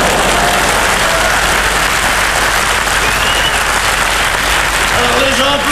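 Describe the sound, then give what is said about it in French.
Sustained audience applause, a dense steady wash of many hands clapping at a loud, even level throughout, with a few faint voices rising briefly near the end, as the public applauds a singer returning one last time after his show. “Ils applaudissaient, les gens.”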